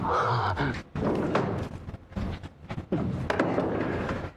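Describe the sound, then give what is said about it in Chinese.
A chair is dragged and handled, with several heavy wooden thumps and scrapes as it is carried and set down on the floor. “哎 呦，真不好意思，忘了给您这嫡系搬椅子。 哎，我自己搬。”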